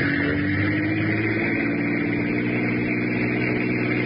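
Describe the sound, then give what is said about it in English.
A car engine roars steadily for the whole stretch, a loud continuous drone with a low humming pitch and road rumble underneath, as the car is driven faster to see if a car behind stays with it. No one speaks. “Faster, Richie. See if that car stays with us.”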